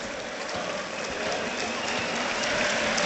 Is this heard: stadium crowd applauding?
yes